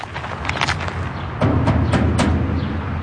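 Several sharp knocks on the heavy metal gate of a high-walled compound, a safe house in a rundown part of Culiacan, Mexico. The knocks are irregularly spaced and ring out over a steady rumbling background of street noise that grows louder partway through.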